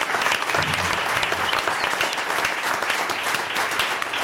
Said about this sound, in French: On applaudit les bénévoles de Bossonnance, c'est l'association qui organise l'art en plein air.